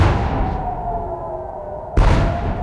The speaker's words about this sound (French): Une très lourde explosion il y a 50 minutes dans le ciel de Jérusalem, précédée d'une alerte 100 jours exactement après l'attaque américano-israélienne sur l'Iran.